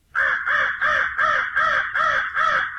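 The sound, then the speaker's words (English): A crow caws repeatedly, six harsh, loud calls in a steady rhythm with brief gaps between them, with no other sounds. “Commonly heard are the crow”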